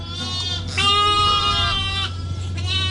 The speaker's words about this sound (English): And Sally's by a pen, housing a ewe, and her three tiny lambs with sheep grazier, Peter Croc.